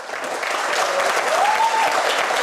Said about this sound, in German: Mit Applaus und Umarmungen wird Andreas Babler im SPÖ-Lokal in Strebersdorf empfangen.